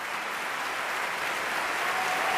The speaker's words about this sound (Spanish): un homenaje de Hermonella Ajo en esta versión bastante operística y con el piano de Rubén Fernández Aguirre, que levantó al público del Liceu, que aplaudía, como escucháis, con muchas ganas, esta interpretación.